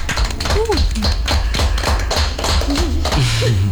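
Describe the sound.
A crowd claps steadily for several seconds, a dense, loud crackle of many hands, with voices calling out and cheering over the applause.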